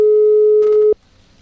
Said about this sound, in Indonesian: Oke, sambil kita menunggu ya. Bentar ya abis ini. Oke. Oke, kayaknya masih berdering nih.